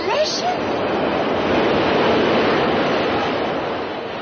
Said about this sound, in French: Ils avaient mis un énorme ventilateur électrique sous la grille de la rue pour que ma jupe vole quand passe le métro.